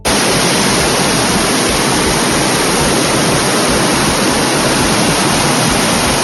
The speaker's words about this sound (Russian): Это реки воды, которые в прямом смысле слова залили улицы Гродно после обычного майского дождя. Дороги затопило, двигаться пешеходам невозможно, машины застряли.